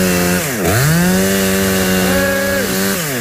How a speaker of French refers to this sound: Alors j'ai vu là vous bloquez un peu. Parce que le danger, c'est que la tronçonneuse parte, hein, c'est ça?